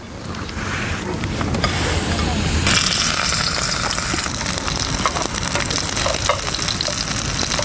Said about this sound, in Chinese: 焯过水的假楼叶，包裹上虾肉泥，下锅小火煎制。假楼叶的清香与虾肉泥的鲜香充分结合，特色虾肉就制作好了。